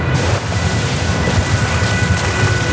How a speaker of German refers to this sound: Das Wasser spritzt in alle Richtungen und verstehen kann man nichts mehr.